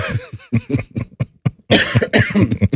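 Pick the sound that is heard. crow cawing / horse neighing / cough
cough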